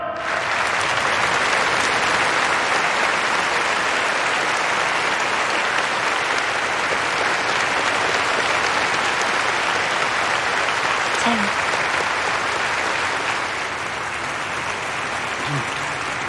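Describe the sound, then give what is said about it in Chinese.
Sustained audience applause in Dongning for table tennis players about to give a report, a dense steady wash of many hands clapping at an even, loud level for about sixteen seconds, tapering only slightly toward the end. “下面就请运动员为大家做报告，鼓掌。”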